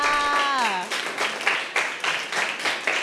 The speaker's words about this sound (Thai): โอ้โหเยี่ยมมากค่ะปรบมือให้เพื่อนค่ะ